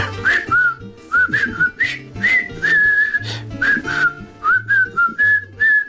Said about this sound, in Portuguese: O filme da Ponte do Rio Kauai. E que clássico. Vou rever hoje no VHS. Tem uma banda sonora em assobios muito melhor do que muitos que andam para ir a cantar hoje em dia.